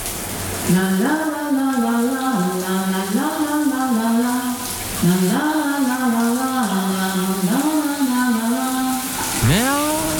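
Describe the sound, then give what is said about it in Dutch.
A shower tap runs with a steady, even hiss of water, while a voice sings a wordless, wavering tune over it in repeated phrases. “Daar gaat de kraan.”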